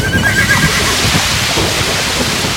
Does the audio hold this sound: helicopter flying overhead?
no